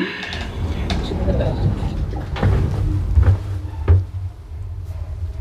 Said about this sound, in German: Tür schließt.